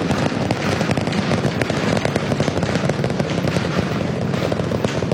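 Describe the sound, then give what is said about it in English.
All 33 Raptor 3 engines on booster V3 roar steadily about 30 seconds after launch as the rocket ascends over the Gulf: a loud, dense wall of rumbling noise shot through with rapid crackling bursts that continue for the whole stretch, with no voices. “Seeing 33 out of 33 Raptor 3 engines on booster V3 ascending over the Gulf now, coming up on maximum aerodynamic pressure.”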